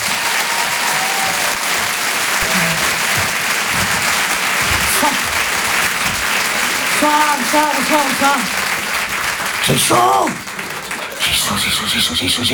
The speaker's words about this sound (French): Nous avons tonnerre d'applaudissements, s'il vous plaît, pour Elisabeth Buffet.